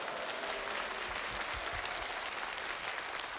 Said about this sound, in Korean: 이때 보통 박수를 쳐주시는데.